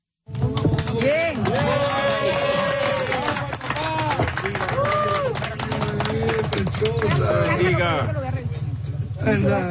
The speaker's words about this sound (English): Applause as rescuers pulled a newborn baby out of the debris a few days ago.